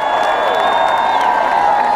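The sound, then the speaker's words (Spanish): An audience at the Petronio applauds a band loudly and steadily, a dense wash of clapping and cheering with long, high-pitched whistles ringing over it for the whole two seconds. “Fuerte el aplauso para ….”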